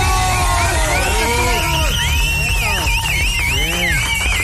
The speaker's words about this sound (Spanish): ¡Aplausos, por favor!